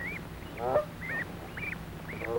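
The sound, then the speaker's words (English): Geese honk repeatedly in short, nasal calls about every half second, moderately loud over a low steady background hum, with no talking; a gander and a goose on a farm meadow watching their goslings peck at grass. “Father Gander and Mother Goose watch as the goslings have their dinner.”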